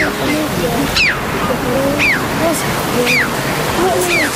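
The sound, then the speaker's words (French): Red-billed choughs, birds of the crow family, give four sharp, high, downward-sliding calls, evenly spaced about a second apart, over a steady roar of surf. “Donc c'est son cri que vous entendez là qui est assez spécial. Le crave à bec rouge, un oiseau de la famille des corvidés.”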